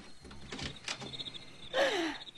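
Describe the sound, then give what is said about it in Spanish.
A door is opened: a few soft knocks and clicks of handling, then a short creaking, scraping swing as it comes open. No one speaks. “Vamos, déjenme abrir la puerta.”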